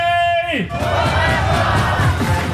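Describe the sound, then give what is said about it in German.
A loud crowd of cycling fans at the Tour de Suisse cheers and yells for Tadej Pogacar in a dense, continuous roar, opening with a brief sustained tone that slides downward before the shouting takes over. “Und weiter für Chaos und laute Fans sorgen.”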